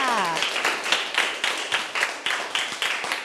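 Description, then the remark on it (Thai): A class of students claps together for a classmate in a steady, even rhythm of sharp, loud beats, about three per second, after a voice briefly trails off at the start. “เอาละค่ะปรบมือให้เพื่อนค่ะ”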